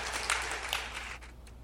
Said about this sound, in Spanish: Amén y amén. Denle un aplauso al Señor y ocupe su lugar.